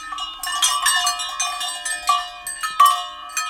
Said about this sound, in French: Ce sont les cloches attachées au cou des vaches. Chaque vache a sa cloche. La reine des vaches, la maîtresse vache, elle, porte la plus grosse cloche. Quand toutes les cloches sonnent ensemble, cela fait un orchestre de cloches.